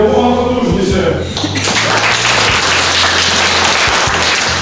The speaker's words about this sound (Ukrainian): Роль реба виконує аудиторія. Студенти гучно аплодують і таким чином заглушають команди пілота своєму дрону.